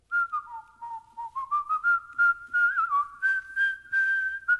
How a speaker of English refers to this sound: What is Whistling Dixie? Right.